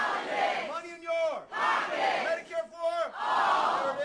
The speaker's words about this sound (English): If you go to one of Democratic Senate candidate Abdul El-Sayed's town halls in Michigan, you will hear the crowd chant the campaign slogan.